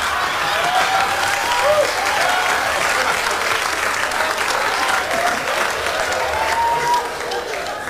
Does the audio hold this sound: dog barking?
no